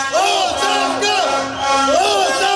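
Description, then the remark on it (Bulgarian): A protest crowd marching through a city centre chants 'resignation' in unison, many voices rising and falling together in loud, rhythmic repeated phrases with a steady shouted drive. “Протестът премина в шествие по центъра на града с викове оставка.”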